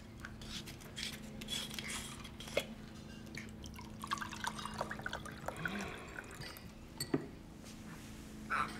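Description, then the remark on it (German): Orange juice with pulp is poured into a glass, with soft splashing and dripping, a few light clinks of glassware, and no one speaking over it. “Kannst du mir bitte doch ein Glas Orangensaft eingießen?”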